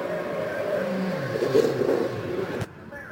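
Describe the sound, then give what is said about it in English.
Elio Castroneves's Pennzoil race car enters pit lane, its engine droning loudly and steadily, tone wavering slightly, before cutting off abruptly with a sharp click to a quieter hum for the final half second. “In here right now with Elio Castroneves and the Pennzoil machine into pit lane.”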